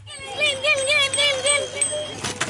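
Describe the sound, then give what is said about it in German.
Children on bicycles ring their bells over and over in the streets of Herzliya, near Tel Aviv, Israel, on Yom Kippur, a bright, wavering metallic trill sustained for a couple of seconds, with children's voices faintly mixed in. “Kinder auf Fahrrädern klingeln ausgelassen.”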